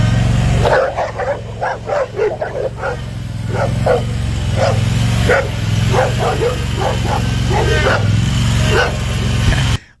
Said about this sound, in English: I'm trying to get out of there to mow, and they're just circling me and stuff. So I'm going to chase them around a little bit. Y'all want to play games? I'll show you. I can drive this thing. You got four dogs? Yeah.